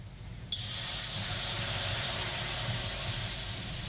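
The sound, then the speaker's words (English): A sudden burst of loud, broad hiss starts after a brief low rumble as water is thrown onto hot sauna rocks, then sustains steadily as steam billows and fills the room, with no voices. “That deep, piney heat, water hitting hot rocks, filling the room with steam.”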